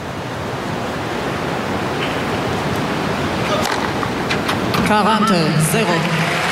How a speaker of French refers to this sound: Et maintenant, le bruit qu'on entend, c'est la pluie sur le toit.